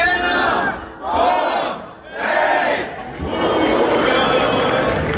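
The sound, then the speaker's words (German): A large crowd at the Lullusfest festival in Bad Hersfeld shouts and cheers in loud, sustained waves, with brief dips in volume between roaring swells of many voices. “Typisches Geräusch ab heute in Bad Hersfeld. Ja, es ist wieder die Zeit, es ist Lullusfest.”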